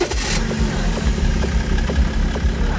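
A converted-car A-tractor engine idles, a steady low rumble with faint rhythmic pulsing and a short hiss of noise at the very start.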